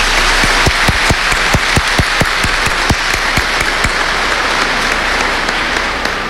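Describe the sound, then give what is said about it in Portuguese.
A large crowd in a church applauds steadily, dense clapping filling a reverberant space, with a few louder individual claps standing out before the applause gradually thins. “Agora, para toda essa igreja linda e maravilhosa, uma salva de palmas.”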